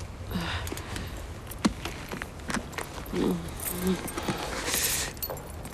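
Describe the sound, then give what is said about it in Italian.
A bunch of car keys jingles and clinks in short metallic bursts as they are handed over, with light shuffling footsteps and faint traffic rumble in the background. “Mi dia le chiavi, l'accompagno io, mi crede?”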